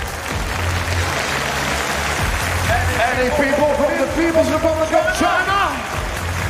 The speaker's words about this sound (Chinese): 大きな拍手を送りください。